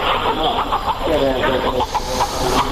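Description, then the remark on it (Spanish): A hen squawks and clucks in short bursts inside a church during a healing ritual in which it is passed three times around a sick young child's body before being killed, over a steady hiss of background noise and indistinct murmuring voices. “ritual curativo, pasando 3 veces esa gallina alrededor del cuerpo del enfermo, en este caso este niño de corta edad, y luego matando a la gallina para de este modo expulsar esas energías negativas.”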